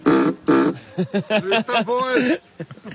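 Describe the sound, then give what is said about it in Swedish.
Two short, low, buzzy horn honks sound in quick succession, followed by people talking over each other. “Är det tutan här? Jajamän. Funkar den? Jajamän. Får jag trycka?”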